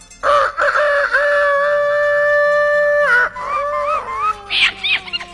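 A rooster crows loudly, one long sustained call that holds steady for a few seconds before breaking into wavering, rising and falling notes at the end.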